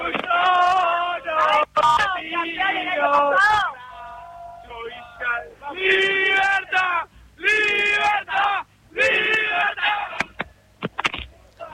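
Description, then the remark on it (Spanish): A large crowd celebrates the national team in the Plaza de la República, loud voices shouting and chanting together in bursts with brief lulls, energetic, with whistles and yells cutting through. “es esto, es la gente que ha llegado hasta la Plaza de la República para celebrar a la selección, más allá de esta derrota, y el pedido de que Messi continúe un par de años más.”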